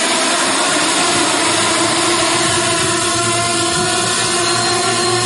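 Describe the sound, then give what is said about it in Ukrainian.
An FPV drone's high, steady buzzing whine of propellers, continuous and fairly loud for several seconds with no talking, as soldiers test-fly it carrying a weight that imitates a munition to check control, link and handling of the extra load. “Воїни облітують кожен готовий FPV.”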